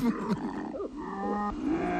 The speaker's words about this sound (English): And then you go, oh, you growl like a big kitty cat. You sound scary.